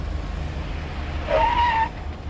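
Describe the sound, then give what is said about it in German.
A taxi carrying passengers packed tightly in the back, with luggage and a dog, idles with a steady low engine rumble, then rolls to a stop at a house with a short, high brake squeal lasting about half a second before the engine settles again. “Die sitzen hinten eng im Taxi.”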